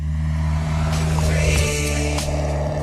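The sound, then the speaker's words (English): The rumbling engine of a roughly 45-year-old car driving past hums steadily with strong low droning tones, shifting pitch slightly as it moves, loud and continuous with no talking. “See, then I was just listening to the car noise.”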